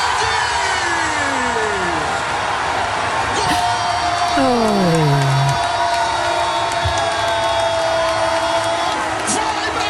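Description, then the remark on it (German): Brazil football fans roar steadily after a goal by Vinícius Júnior in Brazil's World Cup group match against Haiti, a loud dense wall of crowd noise with shrill whistles and rising and falling horn-like tones cutting through the cheering. “Und diese Nacht sind sie aber aus dem Jubeln nicht mehr rausgekommen.”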